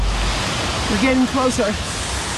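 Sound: rushing waterfall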